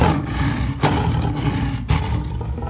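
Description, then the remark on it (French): A lion's deep, rumbling roar sustains loudly throughout, with powerful low-pitched growling energy and brief surges around two points, no voices present. “Quand il fut devenu un lion grand et fort, dont le rugissement retentissait à travers toute la savane, il sortit enfin de sa cachette.”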